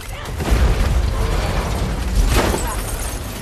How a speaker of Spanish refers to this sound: El vehículo se desploma y la lata de combustible cae por el parabrisas destrozado.